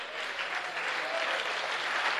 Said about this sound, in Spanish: Mejor dele un aplauso al Señor esta noche.